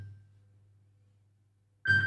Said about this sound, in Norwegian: Det ringer, det ringer. Hør, hvem kan det være?